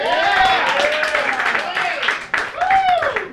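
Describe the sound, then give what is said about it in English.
A crowd applauds a comedian steadily with dense clapping, mixed with cheers and a few sliding whistles rising above the noise, loud and sustained throughout. “Give it up give it up for the very funny Jimmy Davis.”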